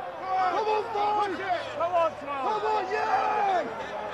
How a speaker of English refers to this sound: joined the crowds at Churchill Downs to experience the most exciting 2 minutes of sports